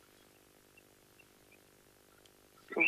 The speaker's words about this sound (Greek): Α, ακούω εκεί τα πουλιά που έχεις μες στο σπίτι.